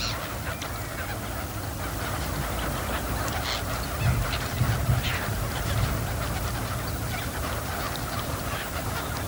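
A dense chorus of honks and quacks from a large flock of wild ducks at Bueng Boraphet lake in winter, where hundreds of thousands of migrating ducks gather with resident cotton pygmy geese. The calls overlap continuously, with a few louder calls standing out near the middle, no talking.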